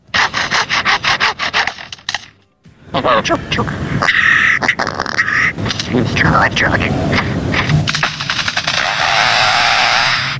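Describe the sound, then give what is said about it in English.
A bird mimics mechanical saws, or bandsaws, that were cutting down the forest: loud, harsh rasping bursts and grinding buzzes, a brief pause, then continuous saw-like whirring mixed with sharp chirps and sweeping whistles. “But the most poignant thing was that it also mimicked the sound of mechanical saws, or bandsaws, and the bandsaws that were coming in and cutting down the forest.”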